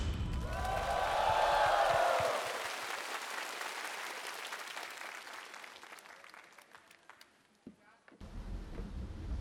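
A large audience breaks into sustained applause, a dense wash of clapping and cheering that swells, then gradually thins and fades, with a brief rustle near the end.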